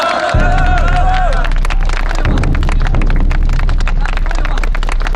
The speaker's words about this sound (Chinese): 大家再掌声热烈一点！